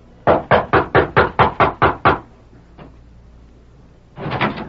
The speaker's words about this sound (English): George Casey, foreman of the Flying W, rapped at the back door of the ranch house